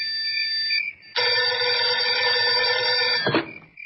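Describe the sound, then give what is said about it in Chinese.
A telephone bell rings loud and sudden inside a room at night where military staff officers are working, a brief metallic burst followed by a longer continuous jangling ring that stops abruptly with a clunk. “屋子里的电话铃突然响了起来。”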